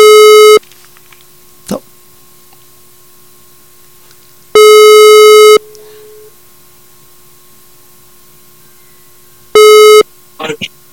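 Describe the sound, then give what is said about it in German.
A telephone ringback tone from an outgoing call to an editorial office repeats three times, each steady buzzing tone lasting about a second with several seconds of quiet between, loud and clear, with brief faint clicks and noises in the gaps. “Ich rufe mal in der Redaktion an, einmal schauen, ob die dann ans Telefon geht und ob das dann auch so funktioniert.”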